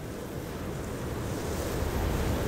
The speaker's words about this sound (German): Wenn man sich die Zeit nimmt, lauscht, sich auf die Töne und Klänge der Natur einlässt, hört man das Meer atmen. Ebbe und Flut geben den Rhythmus vor.